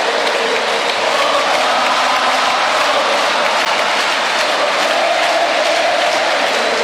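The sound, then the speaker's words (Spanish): A stadium crowd chants "Ota" for Argentina national team defender Nicolás Otamendi in a dense, steady roar of many voices, loud and continuous throughout with no clear pauses, and no one speaking over it. “El grito de Ota, Ota, escuchen.”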